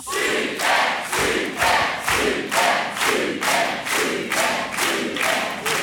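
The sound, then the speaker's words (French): A loud quiz game audience cheers and shouts together after contestants win 500 euros, in a steady, pulsing rhythm, with about eight regular surges of noise over several seconds and no separate speaking voice. “Quelle super ambiance.”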